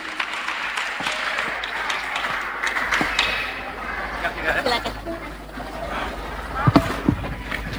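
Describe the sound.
A crowd claps in a dense, steady patter of applause lasting several seconds, with a few sharper, louder claps near the end and some faint voices mixed in.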